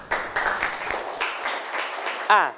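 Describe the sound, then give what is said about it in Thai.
Students in a math class clap for a classmate who gave a correct answer, in a dense, sustained round of applause for a couple of seconds, ending as a voice briefly cuts in over it. “ถูกต้องนะครับปรบมือให้เพื่อนหน่อยนะครับ”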